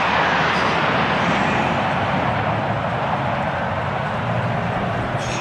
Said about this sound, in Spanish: Con aviones del ejército, ¿no? Pasando por encima del estadio.